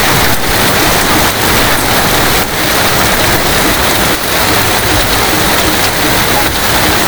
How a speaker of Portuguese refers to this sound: registrou a chuva forte, quase formando granizo. Põe com som aí pra gente acompanhar o barulho da chuva lá na prainha Ponta do Bar. Caramba, tá chovendo ainda lá, viu? Tá chovendo.